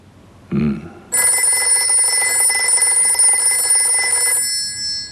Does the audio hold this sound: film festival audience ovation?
no